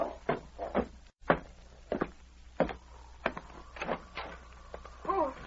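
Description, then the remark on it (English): A door is opened amid a string of sharp thuds and rattling clunks, about eight or nine uneven bumps over a few seconds, with a faint hum underneath. “Open the door.”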